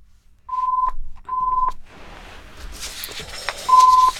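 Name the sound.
telephone keypad dialing tones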